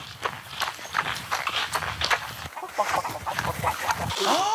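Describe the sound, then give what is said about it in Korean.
A chicken clucks near the end at a corn field, a short rising call over a steady patter of footsteps and rustling outdoor movement, moderately loud. “닭. 닭 있어요?”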